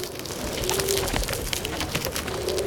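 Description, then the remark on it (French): Pigeons coo in a soft, repeated low warble over a busy outdoor background, the calls returning twice, as the birds come after croissant crumbs. “Les pigeons appliquent! Ils en veulent à nos miettes!”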